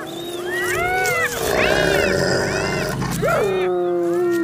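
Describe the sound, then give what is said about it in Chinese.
Spotted hyenas roar, several loud, overlapping wavering cries that rise and fall in pitch in a continuous, agitated chorus, as the clan leader asserts its authority during a conflict over sharing food. “这时，首领就会彰显自己的权威，他通常会咆哮几声，挥一挥爪子。”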